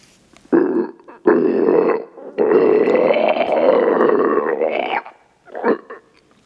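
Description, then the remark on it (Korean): A monster's gurgling throat growl, loud and rough, rumbles in three bursts that grow longer, the last a drawn-out, wavering snarl, followed by a short final grunt. No speech. “괴수의 목을 떼에서 끓는 듯한 소리가 계속 흘러나왔지만 체령이 다가오면 놈은 한 발 뒤로 물러섰다.”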